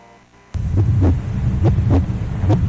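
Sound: strong heartbeat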